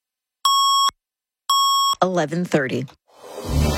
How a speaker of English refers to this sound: 680 News Time at the Double Tones.